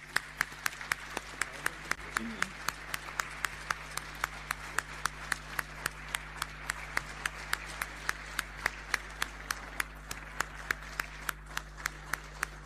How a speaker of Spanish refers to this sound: Le invito a que pase adelante, hermana. Le vamos a dar un aplauso de gratitud.